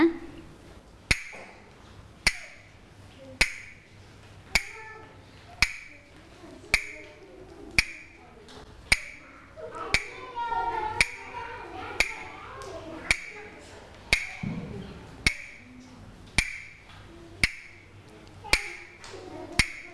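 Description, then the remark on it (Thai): A steady rhythm of sharp, bright taps, about eighteen evenly spaced strikes roughly once a second, clear, with faint murmuring and background noise. A female teacher is tapping out the rhythm for children during a movement activity. “เดี๋ยวเด็กๆฟังจังหวะที่ครูหญิงเคาะนะคะแล้วให้เด็กๆสังเกตว่าครูหญิงชูภาพอะไรนะคะพร้อมใช่ไหมคะเด็กๆฟังจังหวะที่ครูหญิงเคาะด้วยนะ”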